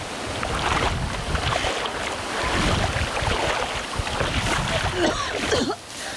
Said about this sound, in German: Ich muss jetzt erstmal aus dem Wasser hier raus. Lass uns ans Ufer schwimmen.